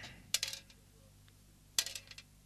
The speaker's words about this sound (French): On va prendre un dé. Et on va lancer les dés sur une surface plane afin de savoir ce que vous allez entendre.